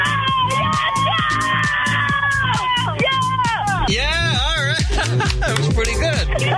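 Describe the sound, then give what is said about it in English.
A small group, a woman with her sister, best friend and niece, screams and cheers excitedly, loud, with rising and falling shrieks and whoops overlapping in a continuous frenzied burst. “You're going to have to scream really loud and get real crazy.”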